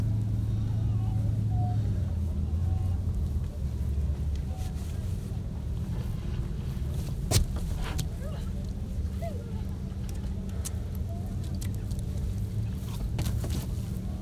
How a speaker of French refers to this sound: On entend sur ce lac, on entend toujours le moteur d'un canot.